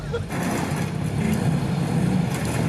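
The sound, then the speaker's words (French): A car engine catches after a brief moment and settles into a steady, loud, low-pitched rumble that runs unbroken to the end. “J'espère qu'elle va démarrer.”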